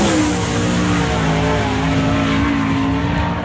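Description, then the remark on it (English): A loud, sustained roar of a 410 sprint car engine revving hard, its harmonic pitch holding steady, with no speech over it; for the NART King of the West 410 Sprint Car Series at Southern Oregon Speedway. “Don't miss the NART King of the West 410 Sprint Car Series presented by Bi-Mart at Southern Oregon Speedway Thursday night.”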